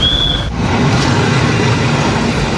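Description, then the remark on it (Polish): A retro passenger train rumbles steadily and loudly along the tracks, with a brief high-pitched squeal at the start before the continuous rolling noise takes over. “A w kolejne weekendy pociągiem retro będzie można pojechać do Poznania, Wrocławia, Płocka i Łodzi.”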